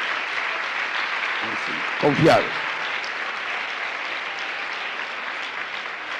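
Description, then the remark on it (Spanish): Loud, sustained applause from an audience for the Lord's glorious name, a steady dense crackle of many hands clapping throughout, with a man's voice briefly calling out over it partway through. “Un aplauso fuerte a su nombre glorioso.”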